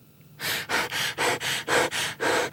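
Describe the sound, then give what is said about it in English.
A voice imitates heavy puffing and panting: seven or eight quick, loud, breathy bursts in a steady rhythm, with no words spoken. “Puffing and panting, he sat down on the bank, wondering what to do.”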